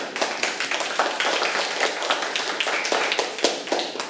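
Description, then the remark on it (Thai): A group of schoolchildren in a class claps together for a classmate, a dense, steady patter of many hands that keeps going for a few seconds, moderately loud, with no one talking over it. “เก่งมากค่ะอ่ะเด็กๆครับปรบมือให้เพื่อนค่ะ”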